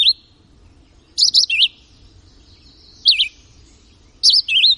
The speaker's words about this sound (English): But the North American record holder may well be the red-eyed vireo. One such vireo delivered its short song over 22,000 times in 10 hours.